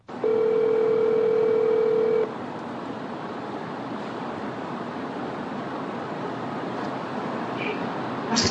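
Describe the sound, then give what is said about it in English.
A steady telephone tone sounds for about two seconds as a call is placed live to the former owner of a tool cabinet, then cuts off into a long stretch of hissy, muffled line noise as the call waits to connect. No one speaks. “So he called, and this happened live. Here's what that phone call was like.”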